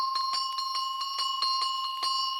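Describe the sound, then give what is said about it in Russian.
A small under-neck harness bell, oval rather than round in cross-section, of the kind traditionally called a "Gypsy" bell, rings continuously, its clapper striking in a quick, uneven series of about ten hits over a bright, sustained metallic tone, with no voices. “Вот такие колокольчики относятся к числу подшейных, и их почему-то принято было называть цыганскими.”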